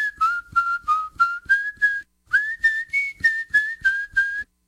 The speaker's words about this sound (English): What's happy sound like? Y'all come say hello to the whistler,